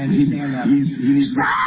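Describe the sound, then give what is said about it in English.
A man screams and wails in long, wavering cries that rise and fall without clear words, loud and continuous across the short moment, with a muffled quality. “so you can hear the screaming going on here.”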